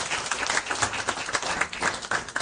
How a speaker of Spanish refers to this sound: Denle un aplauso que vive y permanece por los siglos de los siglos.